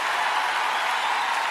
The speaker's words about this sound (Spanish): Que tus aplausos digan muchas cosas.